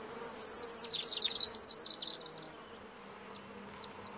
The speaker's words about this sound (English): I think there's a few bees in the background too. Yeah, can you hear that? Can you hear a buzzing?